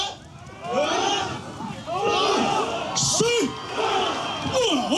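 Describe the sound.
At a ceremony preparing them to row more than 100 miles to the Batanes Islands of the northern Philippines, a crowd of villagers shouts and yells together in loud, overlapping bursts, voices rising and falling in effortful calls as they lift a boat in unison to carry it to the water.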